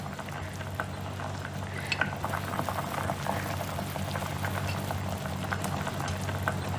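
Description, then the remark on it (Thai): A pot of thick sweet fish sauce (nam pla wan) simmering steadily over low heat until sticky, with dense bubbling and small pops, a continuous low burble and occasional faint clinks, no voices. “ก็ดูความข้นเนาะไฟเบาๆนะคะทุกหม้อเลยแล้วก็ปล่อยเคี่ยวไปให้เหนียวค่ะ”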